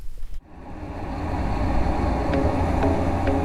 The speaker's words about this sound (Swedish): Och så ska vi spela upp en simulerad trafikmiljö som är ganska starkt ljud. Ligger mellan 75 och 80 decibel.